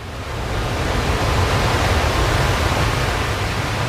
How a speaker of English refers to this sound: And then on the spring tide, the storm was pounding. I could not hear anything except the beating tumult of the waves pounding themselves against the fallen trees and the eroding dunes.